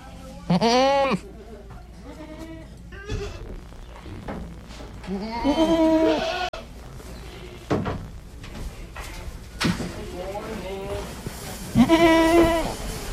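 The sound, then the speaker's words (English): Goats bleat repeatedly at a goat auction in North Carolina, several loud, wavering cries overlapping, with a busy background of clattering and murmuring voices. “This is A Goat Auction in North Carolina.”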